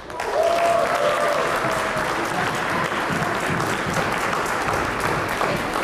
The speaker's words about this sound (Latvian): Ovācijas zālē sāka skanēt tad, kad manuālajā skaitīšanā tika nosaukts uzvarai nepieciešamais skaitlis 68.